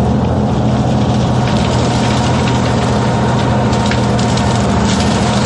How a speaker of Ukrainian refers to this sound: Ось на цьому запису панцерник 153-ї бригади продирається крізь хащі на бойову позицію.